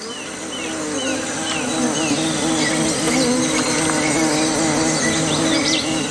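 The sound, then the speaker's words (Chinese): A steady, dense buzzing of many bees around a small puddle of water on the ground, where young white-faced capuchin monkeys drink, fills the scene continuously, fairly loud, with faint bird chirps scattered in the background and no voices. “白脸卷尾猴幼崽冒着被蜜蜂蛰伤的风险，埋头汲取珍贵的水分。”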